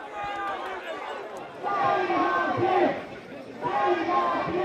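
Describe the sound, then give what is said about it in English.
A large crowd outside Southampton Police Station shouts in unison, an angry chant of "justice for Henry" rising in loud surging waves roughly every second and a half, many voices blending into a harsh, continuous roar. “The cry, justice for Henry.”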